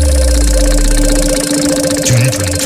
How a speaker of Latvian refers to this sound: Rats mums griežās un dosies tu uz kafē Bitīte Jūrmalā.